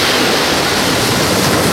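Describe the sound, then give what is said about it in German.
A loud, steady rush of surf fills the whole stretch, a dense hiss of breaking waves with no distinct surges, no voices and no other sounds. “Im Hintergrund ist Meeresrauschen.”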